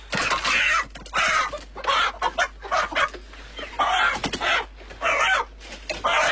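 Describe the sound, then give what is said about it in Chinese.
A big red rooster, being chosen to make wind-dried chicken, clucks in rapid, repeated bursts with short pauses between them, fairly loud, sounding agitated. No one speaks. “我要那个大红公鸡，这个红公鸡。”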